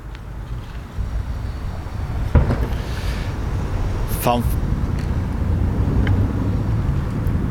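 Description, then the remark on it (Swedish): A single cannon shot from a 21-shot salute fired at 30-second intervals in Kongsvinger, Norway, to honour the deceased King Harald booms out suddenly, then rolls into a long, low echoing rumble over steady wind-like background noise. “21 stycken sådana där kanonsalvor ekade ut över Kongsvinger med 30 sekunders mellanrum för att hedra den avlidne kungen.”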